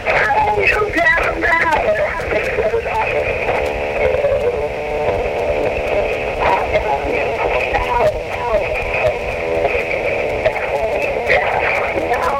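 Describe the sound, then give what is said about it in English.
A song plays on the radio, heard through a phone in a voicemail message over a narrow, tinny line, with steady loudness and muffled vocals and melody throughout. “I just had to let you know what phone is on the radio right now. Listen.”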